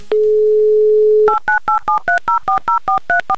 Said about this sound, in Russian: я просто возьму и наберу номер телефона Татьяны.